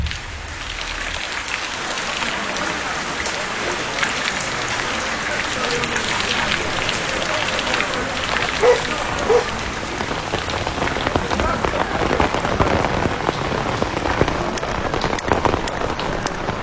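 Heavy rain pours down steadily, a dense, loud hiss full of sharp spattering drops that never lets up for the whole stretch.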